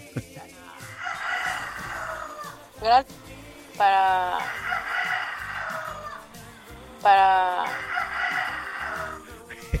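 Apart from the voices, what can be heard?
rooster crowing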